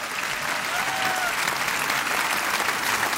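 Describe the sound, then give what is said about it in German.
An audience claps steadily, a dense wash of many hands applauding at an even, sustained level for a few seconds with no speech over it, greeting the announcement of the 40th German Protestant Kirchentag, to be held in Düsseldorf from 5 to 9 May 2027. “Er findet statt, jawohl, Applaus an dieser Stelle.”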